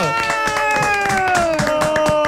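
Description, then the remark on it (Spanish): Loud, dense audience applause welcoming comedian Primo Rojas on the show Impresentables, with rapid overlapping claps throughout, accompanied by a sustained pitched tone that slowly slides lower in pitch. “Está hoy con nosotros, un fuerte aplauso para el señor Primo Rojas.”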